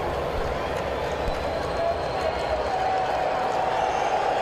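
A stadium crowd of baseball fans at a Braves game cheers and applauds a batter's effort during a long at-bat of more than ten pitches in the sixth inning, a steady, dense roar that holds at an even loudness for several seconds without breaking.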